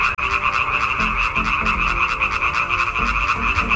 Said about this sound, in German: Das Weibchen wählt in der Regel das Männchen mit dem schönsten, lautesten und längsten Quaken. Forscher haben jetzt herausgefunden, dass Weibchen aber überfordert sind, wenn sie zu viele Frösche gleichzeitig hören.